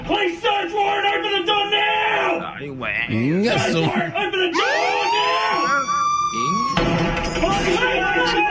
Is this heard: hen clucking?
no